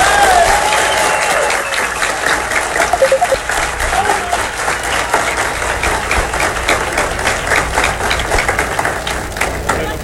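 Sustained audience applause for a person being congratulated fills the whole stretch, dense overlapping claps from a sizeable crowd, fairly loud and steady, with a slight swell near the start before settling into an even roar.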